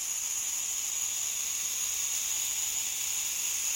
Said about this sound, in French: Et on commence par ce tapis de belles cigales qui saturent l'espace sonore, évoquant inévitablement un paysage méditerranéen.